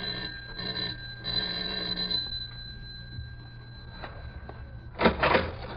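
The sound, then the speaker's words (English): The doorbell of a studio apartment rings in a long, steady electric buzz for about five seconds, fairly soft, then stops as a brief rustling burst follows. “It's odd she doesn't answer her doorbell, Mike. Try ringing again.”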